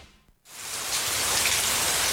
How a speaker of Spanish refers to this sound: Empezá a disfrutar del sonido de la lluvia sin preocuparte por las filtraciones.